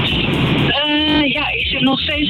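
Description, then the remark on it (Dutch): A steady rumble of road noise inside a car moving in slow traffic, heard over a narrow phone line, with a person beginning to speak over the continuous engine and tyre drone. “Hallo, ik hoor dat jij in de auto zit”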